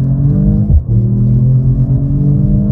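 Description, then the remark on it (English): A metallic white car driven in Sport Plus mode, its engine roaring loudly with a deep, throaty exhaust, briefly dipping as if shifting gears before pulling hard again. No one speaks. “Basically, I threw it into Sport Plus mode and let it rip. And rip it did, with the exhaust gaining some extra attitude.”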